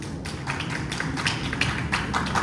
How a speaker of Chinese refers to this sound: 鼓掌